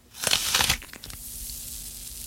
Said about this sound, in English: Now, why don't you bite into me and then listen very carefully to the water and the sugar snapping and cracking inside of me.